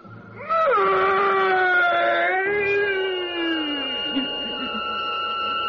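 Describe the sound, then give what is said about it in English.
A loud, eerie, inhuman shriek of a vampire, as a priest drives a sharpened oak stake through its body, rises sharply, holds as a wavering, piercing wail for several seconds, then slides lower and fades into a thin ringing tone, heard alone without speech. “And that fearsome shriek, which still sounds in my dreams, rent my ears.”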